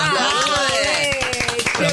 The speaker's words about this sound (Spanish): Claro. Aplaudimos todos. Equipo completo.